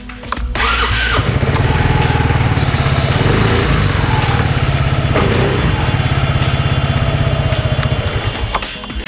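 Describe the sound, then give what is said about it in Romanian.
An Aprilia SR GT 400 scooter engine fires up and runs loudly and steadily, a throaty, pulsing rumble that holds nearly constant for several seconds, with no one talking. “Așadar, fie că sunteți în căutarea unei navete interesante sau doriți să evadați complet din oraș, Aprilia vă oferă o opțiune interesantă pentru cineva care caută un scuter universal.”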